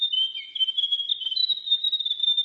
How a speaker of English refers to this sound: The diddle diddle. The grey warbler.